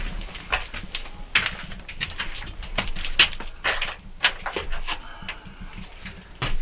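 Pigeons coo and flutter in a busy, echoing old dovecote, with soft repeated calls and occasional sharp bursts of wing noise over a low, steady background rumble.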